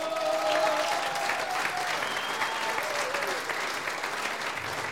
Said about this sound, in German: Ohne die Damen, ich darf einmal sagen, für alle Damen, die in Südtirol bei der Blasmusik sein, das ist einmal enker Applaus. Vergelt's Gott.